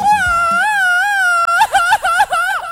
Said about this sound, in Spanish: Más grita, más fuerte, grita nuestro DJ. Plántele un grito de esos que te dejan sordo, pinche güero. Plántele, güey, plántele.